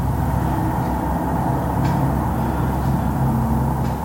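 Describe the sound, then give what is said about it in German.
Steady, dense road traffic roars without pause on a four-lane main road, a low rumble of many vehicles passing, with faint brief higher hisses of tyres now and then. No voices. “Sie lebt an einer vierspurigen Hauptstraße und erzählt, der Verkehrslärm ist in den vergangenen Jahren immer schlimmer geworden.”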